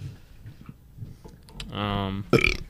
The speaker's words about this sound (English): That was a good burp, ….